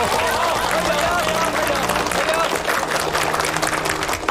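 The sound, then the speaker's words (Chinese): A group applauds to welcome two new comrades, with dense, steady clapping that holds at an even, fairly loud level for about four seconds, with faint voices mixed in beneath the claps. “大家掌声欢迎两位新同志加入。”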